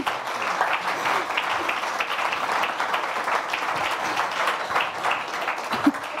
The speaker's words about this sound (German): Und nochmal ein Applaus, bis du auf der Bühne bist.